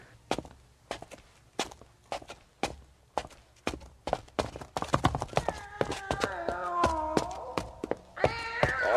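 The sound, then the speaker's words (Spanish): A cat meows repeatedly, its cries rising and bending in pitch, following a person whose steady footsteps descend the stairs into the cellar of an old house, with a louder drawn-out yowl near the end. “El gato me siguió mientras bajaba la escalera.”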